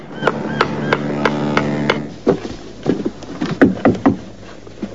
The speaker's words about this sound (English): up on the roof, a man hammers at a tile.